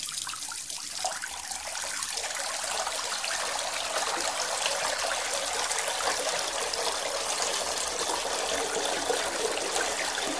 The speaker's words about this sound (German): Was ist das wohl für ein Geräusch? Klar, das ist Wasser.